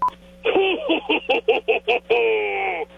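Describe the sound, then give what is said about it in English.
On the Soper and Brown Show on 97.7 Hits FM, a quick run of about eight short keypad-style beeps, evenly spaced, ending in a longer held tone; the beeps sound voiced and slightly wavering, like someone imitating phone dialing, with no speech. “He finally picked up the phone to call the machine.”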